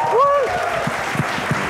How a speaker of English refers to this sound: Huge round of applause for Chef Manu Chandra.